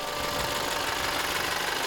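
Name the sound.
school bus engine idling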